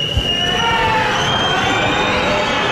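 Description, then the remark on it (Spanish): A dense, steady roar of a large crowd shouting, with long shrill whistles sliding over it in high, wavering tones for the whole stretch, as the public whistles and shouts when Navarra's president Chivite joins the route of an institutional event on Avenida Galicia. “Gritos de fuera a fuera, silbidos desde el público cuando la presidenta Chivite accedía al recorrido.”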